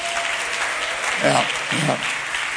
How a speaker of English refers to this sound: I want to honor my wife today. Clap your hands for her, praise God.